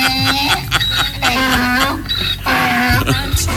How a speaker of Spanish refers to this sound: Que suene el burro Maurilio.